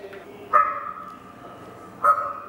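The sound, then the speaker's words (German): A raven calls twice at the Tierstimmen exhibition in the Sinclair-Haus in Bad Homburg, where visitors can converse with a raven. The calls come about one and a half seconds apart, each a loud, hoarse croak with a sharp start that trails off into a drawn-out, nasal tone. “Hier zum Beispiel kann man sich mit einem Raben unterhalten.”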